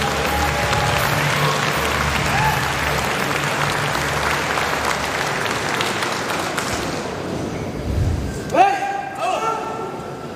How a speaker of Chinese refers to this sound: 会場の皆様、盛大な拍手で選手をお迎えください。